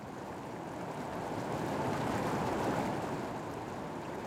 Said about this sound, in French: Sous le désert, la cascade.